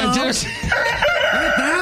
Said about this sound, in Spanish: Ahí está, el gallo.